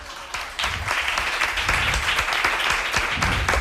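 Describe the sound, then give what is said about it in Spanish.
A crowd at a school bursts into steady applause for a sixth-grade pupil who has just spoken in Chinese, many hands clapping in a dense, continuous patter that starts abruptly and holds at an even loudness throughout. “¡Un aplauso!”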